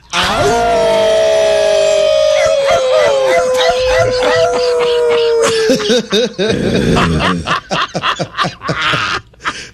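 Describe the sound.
On an ESPN show, several people let out a loud, sustained group howl together, one voice holding a long wavering note, breaking into ragged barks, yips and laughter toward the end—human voices imitating dogs.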